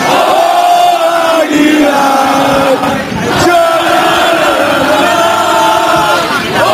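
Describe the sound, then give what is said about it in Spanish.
A loud crowd in the streets of Águilas shouts and cheers together at night in sustained, overlapping roars, voices rising and swelling in celebratory waves with a brief dip midway before the chanting surges again. “Ese era el grito, así sonaban las calles de Águilas anoche.”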